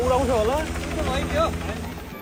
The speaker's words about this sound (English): More than a dozen helicopters have been deployed.